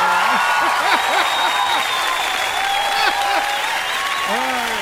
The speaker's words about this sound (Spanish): Un aplauso a este cara, no, se la mando.